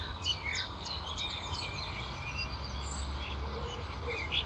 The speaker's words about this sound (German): Hier macht die Mönchsgrasmücke eine Amsel nach und fällt dann wieder hinterher in den ganz normalen Gesang.